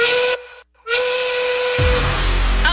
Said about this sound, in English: Your cue, it's the Rail Yard Work Whistle, and it is your reminder, don't go home, stop what you're doing.